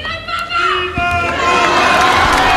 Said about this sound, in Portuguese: O aplauso dos fiéis, então, após a oração mariana do Ângelus, também a bênção apostólica do Papa